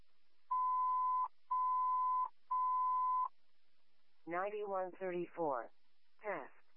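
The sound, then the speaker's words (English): An alarm sounds in three long, steady electronic tones, evenly spaced and fairly loud, then stops; afterward a person speaks briefly in short bursts. “You guys go ahead and try to silence the alarm.”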